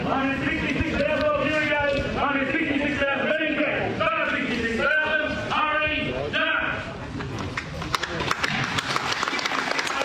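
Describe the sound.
A crowd breaks into applause at the Hereford National Show and Sale, a cattle sale of bulls, a steady patter of many hands clapping that grows crisper toward the end, with a voice talking loudly through the first part.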